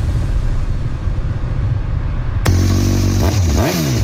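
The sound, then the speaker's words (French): A low, steady engine rumble gives way to a sharper motorcycle engine revving up and down, loud, with the pitch climbing and dropping in quick bursts. “Incontournable, ne manquez pas la 25e édition de la fête de la moto de Noyon.”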